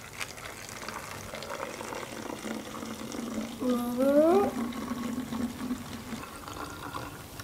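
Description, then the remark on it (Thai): Water pours into a bottle in a teacher's sound experiment, its gurgling tone sweeping steadily upward in pitch for about a second as it fills, over a steady background hiss and faint murmur. “ได้ยินไหมเสียงโอเคบรรยากาศเหมือนกันอยู่แล้วเพราะเราการันตีว่ายังไงมันก็ต้องได้ยินเสียงในลักษณะที่แหลมขึ้นโอ้โหขึ้นไปอยู่แล้ว”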